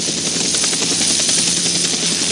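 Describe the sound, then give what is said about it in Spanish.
A helicopter's engine and rotor roar steadily and loudly throughout, a dense unbroken whine and rush with faint chopping texture, with no voices. “Logra entrar al helicóptero.”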